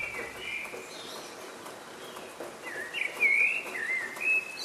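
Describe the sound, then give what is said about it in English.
Several birds sing together in a dawn chorus in the early hours of the morning, an overlapping chorus of bright whistles and chirps, with a few louder, sweeping phrases standing out near the end against a soft outdoor background. “Birds sing out like this in the early hours of the morning to let everyone know that they've made it through the night.”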